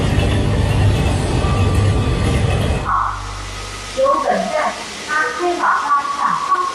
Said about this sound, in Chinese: 今天我们坐动车从拉萨到日喀则两个小时就到了，以前我们去日喀则采访的话坐五六个小时的汽车，现在多方便。